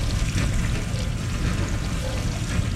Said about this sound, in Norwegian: Ja, den tror jeg dette er en åpen oppvaskmaskin. Ja, vi er inne i oppvaskmaskinen, ja.